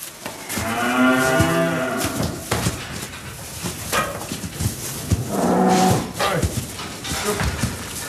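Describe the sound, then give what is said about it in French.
Angus beef cattle on a farm moo twice in long, drawn-out lows, one early and one later, with fainter farmyard noises and shuffling between them; no one speaks. “vous nous parlez de bovins Angus”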